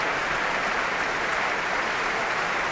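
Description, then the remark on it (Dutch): A large audience in the main hall of the Concertgebouw in Amsterdam applauds Manuel de Falla's El Amor Brujo, played by the Sinfónica de Castilla y León under conductor Thierry Fischer: a dense, steady wash of many hands clapping at once, sustained and even throughout with no voices standing out. “Heerlijk groot applaus hier in de grote zaal van het Concertgebouw in Amsterdam.”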